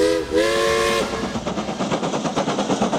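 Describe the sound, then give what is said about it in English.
An Isle of Man Railways steam train gives a short whistle toot followed by a longer blast, then its engine starts up with a steady, rhythmic, loud chuffing as it pulls away. “All aboard Isle of Man Railways time train!”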